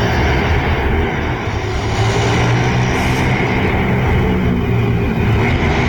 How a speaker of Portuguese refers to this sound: E dá para perceber que são motos acelerando, né?